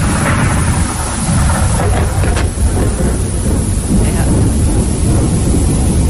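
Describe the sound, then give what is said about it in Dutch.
Steady, loud rain pours throughout at the coast in grey weather, with a deep rumble of thunder rolling underneath. The noise is dense and continuous, with no clear voices standing out. “Effectief met donder en met regen en met zeer veel grijzigheid.”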